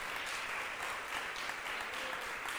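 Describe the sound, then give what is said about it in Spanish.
Steady applause from an audience at a religious gathering, given to God, a dense crackle of many hands clapping at once, holding an even level throughout with no voices over it. “¿Cuánto le damos un aplauso al Rey de Reyes y Señor de Señores?”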